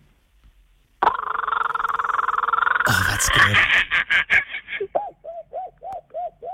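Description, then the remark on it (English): A person imitates a kookaburra, an Australian bird: a loud, sustained raucous cackle that breaks into a fast chattering laugh, then settles into a steady series of repeated hooting 'ha' notes. Someone briefly speaks afterward. “Now, I know you can also do the kookaburra, another Australian bird, so let's have that one.”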